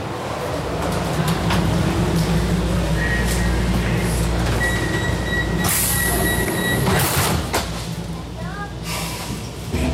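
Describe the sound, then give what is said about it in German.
Loud rumble of a U4 subway train in motion, riding toward Obersankt Veit, with high metallic wheel squeals cutting in and out over the steady roar and a brief hiss of air near the middle. “Wir fahren jetzt mit der U4 nach Obersankt Veit und die Station ist gleich ein Stück da vorne und wir können was ganz Kurzes vielleicht im Zug lesen.”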